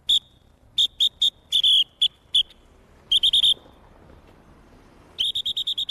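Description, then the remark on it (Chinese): Sharp, shrill, loud blasts of a traffic whistle blown by an auxiliary traffic police officer directing traffic at an intersection in Jiaxing, China, come in short clipped groups, then a quick run of rapid toots at the end, with no voices. “在路口执勤路过的群众啊，说我指挥交通的话干脆利落，声音嘛干脆响亮，对待车流量急促，对待行人轻柔，像鸟叫一样的。”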